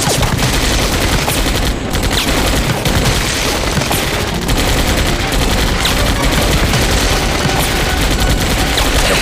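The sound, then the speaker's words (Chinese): A sustained volley of gunfire rattles on for several seconds, seeming somewhat farther off, apparently in a corridor: dense overlapping shots forming a loud, continuous roar with sharp bursts cutting through and no voices. “枪声好像远了一些，似乎在走廊上。”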